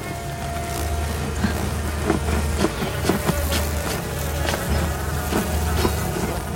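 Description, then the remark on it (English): A dense swarm of deadly stinging insects from a hive hanging on a branch buzzes steadily close to Katniss as she saws through the branch, a continuous droning hum with occasional sharper clicks and crackles sprinkled throughout; no one speaks. “The deadly insects buzz around close to Katniss, who glances down at the sleepers and grimaces with the effort of trying to saw through the stout branch.”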